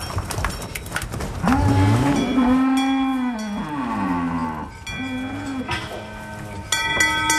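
Several dairy cows moo loudly as they are taken out to pasture after milking, long drawn-out calls overlapping one another, with a faint metallic clink of a cowbell near the end and no talking.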